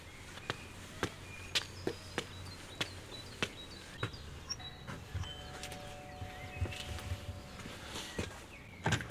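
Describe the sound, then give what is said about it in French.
Footsteps climb a short flight of about ten steps up to a white villa with blue shutters in a steady, evenly spaced series, then a doorbell at its door gives a long, steady buzzing ring, with faint birdsong and insects outdoors behind it. “Voilà, il y a une petite dizaine de marches, et je vais sonner à la porte.”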